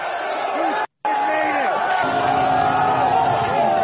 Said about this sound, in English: Look at how Sean Strickland is mobbed. They're all cheering for him.